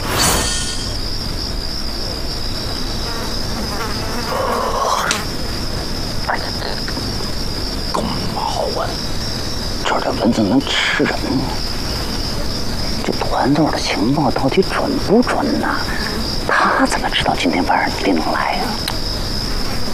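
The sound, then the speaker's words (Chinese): Mosquitoes buzz with a thin, high-pitched drone that hums steadily throughout, with scattered rustling and muffled voices beneath it. “这蚊子能吃人吗？”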